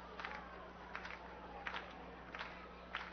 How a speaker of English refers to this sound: Fans getting into it for the first time tonight for the 1-2 pitch.